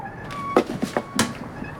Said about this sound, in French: On dirait plutôt le grincement d'une roue mal graissée. Allons voir. Je veux en avoir le cœur net. Là, capitaine. C'est la pompe qui fait ce bruit-là.